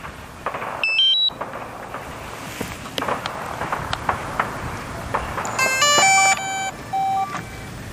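A drone powers up for aerial filming over a large tomb at an archaeological excavation in the ancient Han capital ruins in China, with a short burst of high electronic chirps, then a cluster of layered whining tones and two flat beeps, all over a steady rush of wind noise. No one speaks.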